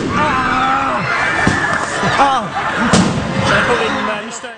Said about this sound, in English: But at that point, some of the demonstrators let off fireworks.